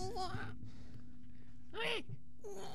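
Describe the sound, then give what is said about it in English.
A voice imitates a newborn baby's fussy, complaining whimper: three short, wavering cries with brief pauses between, fairly quiet, with a faint steady hum underneath. “It's a baby. A newborn baby.”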